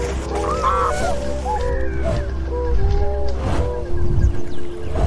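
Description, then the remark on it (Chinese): A flock of tundra swans honks repeatedly on the open water of Wuliangsuhai, China, a stopover on their migration, with overlapping nasal calls rising and falling against a steady low rumble of wind and water. The calls continue throughout. “短暂休整及补充营养后，小天鹅便会继续飞往西伯利亚。”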